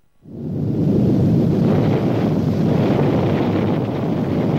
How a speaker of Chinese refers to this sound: 1964年10月16日下午3时，中国新疆罗布泊，中国第一颗原子弹在这里爆炸成功。这一声惊天动地的巨响过后，距离引爆点数十公里的掩体中顿时冲出了纵情欢呼的人群。